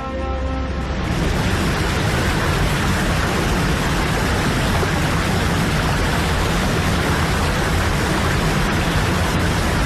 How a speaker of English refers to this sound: Standing beside a waterfall is definitely not a quiet experience. And yet we don't condemn this incessant, overwhelming roar as noise pollution the way we would a jet plane overhead.